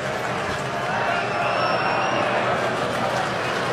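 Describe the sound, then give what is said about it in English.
A stadium crowd of Brewers and Cubs baseball fans roars steadily and loudly as Brewers fans try to get loud and Cubs fans try to shut them down during a pitch to Shaw, a dense wall of cheering voices that holds at an even level throughout without clear breaks. “Brewers fans are trying to get loud.”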